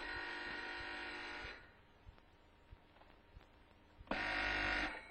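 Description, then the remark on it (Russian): A telephone rings with a harsh, buzzing tone in two loud bursts, one long ring, a pause of a few seconds with faint background, then a second ring starting. “Телефон.”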